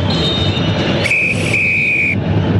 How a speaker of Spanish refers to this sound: Pitazo final, muy bien, señores. Termina el primer tiempo acá en el estadio de la UC. Primer tiempo terminado.